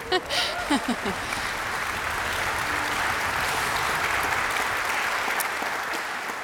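Sustained audience applause, a dense steady patter of many hands clapping for several seconds, fairly loud and even throughout, with a brief voice at the very start. The applause is for the orchestra's concertmaster, Stanko Madisch.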